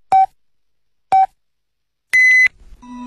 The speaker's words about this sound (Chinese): 莱恩口腔为您整点报时